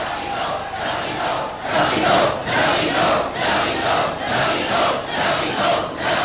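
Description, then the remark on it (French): An audience clamors and shouts together in a sustained, loud roar of many overlapping voices, swelling in rhythmic surges with no single speaker standing out. “Écoutez-les, mon public.”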